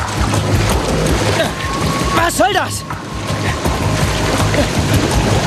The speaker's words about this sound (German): Er fiel vom Bootssteg ins Wasser. Ricky war das aber noch nicht genug. Sie brachte das Wasser um ihn herum fast zum Kochen.